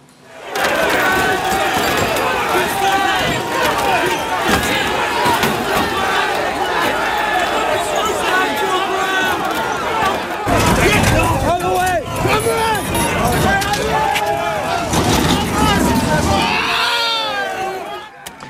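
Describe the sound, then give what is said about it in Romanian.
Loud, chaotic crowd noise as hundreds of angry protesters clash with police in the United Kingdom: dense shouting and screaming voices, scattered thuds and impacts as the crowd throws bottles, bricks and bins at the police, sustained throughout. “Sute de protestatari s-au ciocnit cu forțele de ordine după o intervenție eșuată într-un caz de crimă.”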